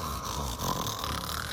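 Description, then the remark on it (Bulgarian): An old man snoring loudly, one long rumbling, raspy snore held steady for the whole moment with no talking. “Видял стареца и хъркал, да чак небето цепи.”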